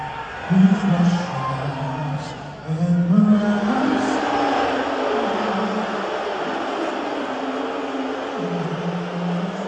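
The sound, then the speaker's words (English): A large crowd booing Trump loudly and continuously, a dense wash of voices with drawn-out low boos that rise and fall in pitch throughout, never letting up. “They were booing the hell out of him.”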